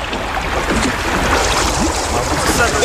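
Steady, loud rushing and splashing of water around a sinking boat, churning continuously for the whole stretch, with faint voices calling out now and then beneath the noise.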